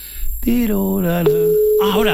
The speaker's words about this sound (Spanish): no me lo coge tu madre, no me lo coge tu madre, no, es que pita raro. Mira, mira, tío. No, como que lo tiene muerto el teléfono o algo parecido, no tengo ni idea.